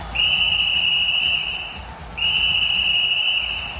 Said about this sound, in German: Jetzt pfeift der Schiedsrichter.